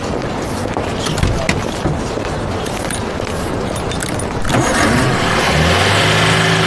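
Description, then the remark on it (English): A car engine cranks noisily for several seconds, then catches around the midpoint and settles into a loud, uneven, rumbling idle, running a little rough. No one speaks. “Do you mind starting her up?”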